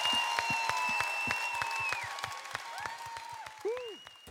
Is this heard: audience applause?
yes